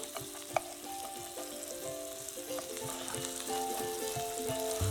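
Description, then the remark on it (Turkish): Steady sizzling of bread slices frying in butter in a pan, turned over on both sides, with crackling pops throughout and occasional light scraping or clinking of a utensil, growing slightly louder toward the end. “Hem ekmekler kızarıyor hem de tereyağlı bir şekilde olmaya devam ediyorlar.”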